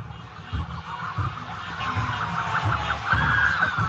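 Police car sirens wail over a low rumble of traffic as the police cars drive ahead of a bus at a roundabout, their wavering tones growing slightly louder as the vehicles draw closer. No one speaks.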